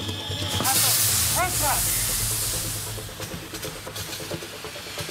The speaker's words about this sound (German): Wir müssen jetzt erstmal hier massiv Wasser draufhalten. Wir brennen massiv Unrat.